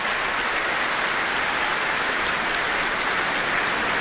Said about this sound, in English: And listen to that applause and cheers.